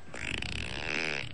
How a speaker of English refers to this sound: Okay, this is my fart app. That I'm gonna see if it plays. It has like 16 different farts.